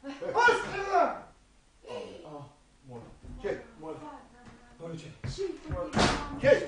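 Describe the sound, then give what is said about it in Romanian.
A door is banged and slammed several times, with heavy thuds landing in the latter half, mixed in with a mother's agitated, pleading voice begging her daughter to open the door. “Cami, deschide, mamă, ușa, că te rog, mă, micuța! Deschide, că spari ușa!”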